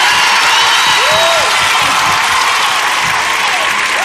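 A large crowd applauds and cheers loudly and steadily, a dense wash of clapping with a few high whistles and whoops rising above it.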